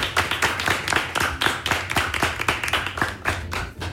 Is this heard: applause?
yes